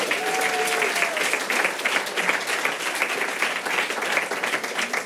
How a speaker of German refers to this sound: Ein Applaus für den Mann hier vorne, bitte.